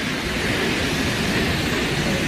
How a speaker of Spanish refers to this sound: Son 222 metros de caída en un circo de piedra fabuloso. El sitio en sí ya es espectacular, pero claro, si ves caer esa cola de caballo, esa cola de agua, pues más todavía. Bueno, que mira cómo suena, es que mira cómo suena.